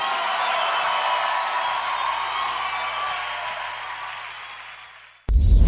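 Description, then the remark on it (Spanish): Loud, dense applause from a large crowd, sustained for about five seconds with a faint swell of cheering, slowly tapering before cutting off abruptly. “aplauso fuerte.”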